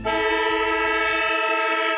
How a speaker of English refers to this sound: Yes, the sound of the siren. It is Thursday night, and Thursday night football has an absolute ripper tonight.